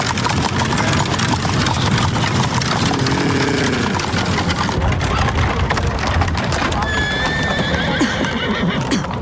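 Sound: horse-drawn carriage passing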